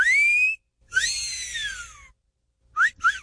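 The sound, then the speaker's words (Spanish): A man whistles loudly: a rising note, then a long swooping wolf-whistle-like glide, followed after a pause by two quick upward chirps. No talking. “hágale usted a todas las de 85 con el chiflidito del compa …”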